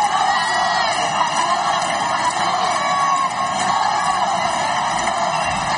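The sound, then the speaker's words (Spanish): A large crowd of residents in Ceuta cheers and whoops continuously as the King and Queen step out of the official car to greet them, a dense, loud wall of overlapping shouts and yells with a few higher calls rising out of the din, sustained throughout without pause. “Así fue el momento en el que los monarcas salieron del coche oficial para saludar a los vecinos de Ceuta.”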